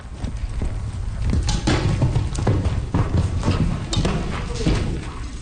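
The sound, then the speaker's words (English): Rapid, rhythmic hoofbeats of a cantering horse thud, steady clip-clop strikes repeating over a low rumbling background, with no voices. “The difficulty is reloading on a cantering horse and shooting from a cantering horse.”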